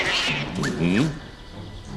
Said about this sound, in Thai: เสียงแมวเหรอทำไมในท้องพระโรงมีแมวเจ้าไปดูทีสิ